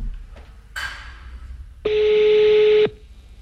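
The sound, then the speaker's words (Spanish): A phone dialing Diego Maradona's phone number on hands-free: one clear, steady electronic beep lasting about a second, preceded by a brief soft rustling burst, with no talking. “Las veces que habré marcado este teléfono.”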